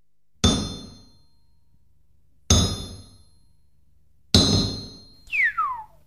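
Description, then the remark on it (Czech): A blacksmith's hammer strikes red-hot iron three times, about two seconds apart. Each loud clang rings brightly and fades, and a high whistling tone slides downward after the last blow. “Tu máš nejprve to menší kladivo, ať se mi tu nestrhneš.”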